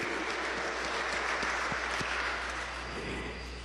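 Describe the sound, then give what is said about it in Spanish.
Steady applause for birthday celebrants from a group of people, a dense wash of clapping that holds for several seconds at even loudness before easing slightly at the end. “Vamos a dar fuertes aplausos a los cumpleañeros, muchas bendiciones.”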